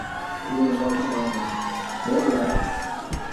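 The Nooksack Valley student section cheers steadily on homecoming night at a football game against Blaine, a dense wash of shouting and whooping voices with a brief surge of louder yells near the middle before settling back.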